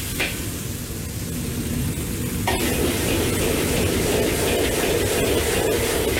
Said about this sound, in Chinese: 转中火翻炒15秒钟，补油增温。